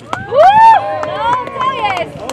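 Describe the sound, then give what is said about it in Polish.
Sports fans at a match, urged to make noise, shout and whoop together, their voices sliding up and down in pitch, with scattered sharp claps or thumps through a loud burst lasting a couple of seconds. “Gdzie są kibice? Zróbcie hałas!”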